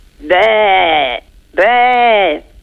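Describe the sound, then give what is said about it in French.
A human voice imitates a sheep with two loud, drawn-out, wavering bleats, each lasting about a second, separated by a short pause. “Et le mouton?”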